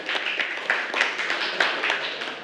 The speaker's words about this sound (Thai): เก่งมากค่ะปรบมือให้กับคนสุดท้ายของเราค่ะ